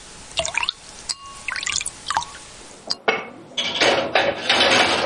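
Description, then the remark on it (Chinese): Broth is poured again into a pot of braised pork with pickled cabbage, before the dish is steamed for an hour. After a few light clinks and drips, a steady stream of liquid splashes in, with no voices. “再次倒入高汤，入锅蒸制1小时，把酸菜的酸香一点点的喂进卤肉”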